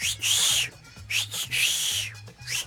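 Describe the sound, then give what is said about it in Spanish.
A loud human whistle call used as a greeting: long swooping whistles alternating with shorter ones in a repeating pattern, over a faint low pulsing hum. No one speaks. “un mexicano nunca, nunca se saluda con un chiflido.”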